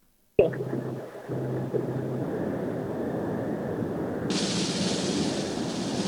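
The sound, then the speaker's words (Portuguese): A missed shot lands in the water: a sudden loud boom hits, then gives way to a sustained rushing, churning wash like water thrown up by a splash, with a brighter hiss joining near the end. No voices. “Ups, tiro a água. Água muito quente.”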